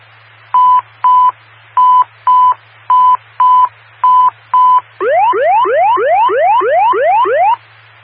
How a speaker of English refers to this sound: This is the weekly drill of the State Fire Department evacuation tones and power roll call.